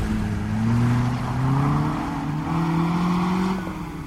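A car engine drones steadily and climbs in pitch as it accelerates while following a Mercedes in a pursuit, a loud sustained motor hum with rising tones and no voices.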